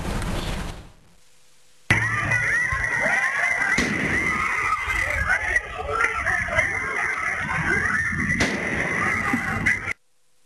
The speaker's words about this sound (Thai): ก็เป็นภาพเหตุการณ์ที่เกิดขึ้นขณะที่กล้องวงจรปิดบริเวณฝั่งตรงข้ามจุดเกิดเหตุสามารถบันทึกเสียงขณะเกิดเหตุการณ์ได้โดยได้ยินเสียงปืนดังขึ้น2นัดและมีเสียงคนตะโกนเอะอะโวยวายในที่เกิดเหตุ